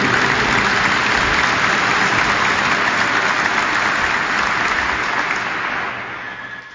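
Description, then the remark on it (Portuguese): A large audience of pilgrims at a shrine of Our Lady claps steadily in sustained, dense applause for the word of God after a Gospel reading, holding strong for several seconds before gradually thinning and fading toward the end. “Palmas para a palavra de Deus.”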